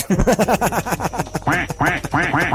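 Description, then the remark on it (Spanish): A duck quacks loudly in a fast, steady run of nasal, raspy calls, pausing briefly before another burst of quacks. “No, tú no, preciosa, tú no, son de otros patos.”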